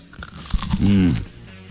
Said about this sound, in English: But let's see if we can hear. Can you hear the crunch? Are you ready? Mm. Ready?